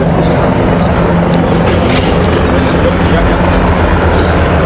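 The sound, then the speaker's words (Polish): Two Eurocopter Tiger attack helicopters pass overhead at an air show over an airfield, a loud, steady roar of rotors and engines filling the whole stretch with a dense, droning wash of noise. “Dwie sztuki nad naszymi głowami się pojawiły.”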